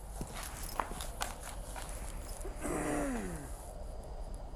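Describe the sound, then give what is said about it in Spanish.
A handful of sharp footsteps land at an uneven pace over a low background hum, followed by a brief breathy, falling vocal sound like a sigh, as a police officer walks back to a wooden fence outside a house and waits. “Camina de regreso a la barda y espera guardando la distancia.”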